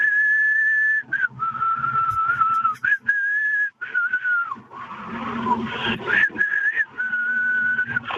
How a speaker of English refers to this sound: You're going to do some whistling for us.